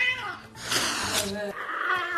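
A pet cat named Gosi yowling aggressively: strained, wavering wails broken by harsh, breathy hissing bursts, loud and tense throughout the short stretch.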